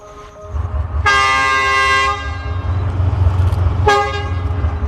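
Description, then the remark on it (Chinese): Two loud locomotive horn blasts sound in turn from a train's front and rear locomotives, one pulling and one pushing, signaling they are ready, at a freight station on the Yunnan–Vietnam Railway in Yunnan, China: a long one-second toot followed after a pause by a second, over a steady low diesel engine rumble. “前面的火车头叫一声，后面的火车头叫一声，意思就是 我准备好了，你准备好了吗？”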